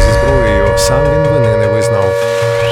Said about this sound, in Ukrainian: Увага всім, повітряна тривога. Прослідуйте до найближчого укриття.